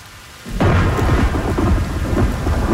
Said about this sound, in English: I stand there for a very long time, letting the rain soak me, letting the shock run through me.